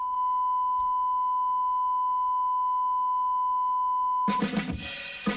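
A steady, high electronic tone holds for several seconds, then a song abruptly bursts in loud and full for the final second, with punchy rhythmic hits.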